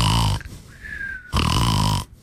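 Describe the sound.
Two loud, rasping, exaggerated snores from a person who has fallen asleep, each a long throaty rumble separated by a brief quiet pause, with no talking over them.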